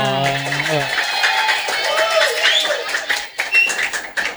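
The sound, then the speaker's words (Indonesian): A crowd breaks into applause for the school principal, a dense wash of many hands clapping that builds and carries on steadily, with a voice talking over the start before the clapping takes over. “Iya, sekali lagi berikan tepuk tangan untuk tepuk Bapak Kepala Sekolah.”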